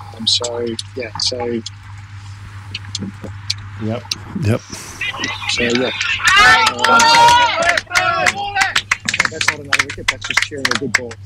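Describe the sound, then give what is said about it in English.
A cricket crowd breaks into a loud burst of cheering in the middle, cheering a good ball rather than a wicket, many voices shouting together, with scattered chatter and calls before and after. “That's not another wicket, that's just cheering a good ball.”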